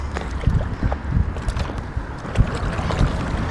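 A paddleboard rocks on the Vltava river as a person stands on it, with irregular slaps and sloshes of water against the board over a steady rush of wind buffeting the microphone; no one speaks.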